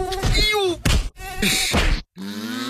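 A high-pitched mosquito whine drones in bursts, cut by sharp slaps, with frustrated groaning vocal sounds in between before the buzzing returns.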